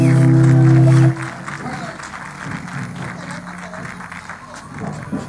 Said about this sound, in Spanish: Fuerte ese aplauso, dice un amigo, cuando termina. Qué grande, che, cómo tocó la guitarra, qué lindo.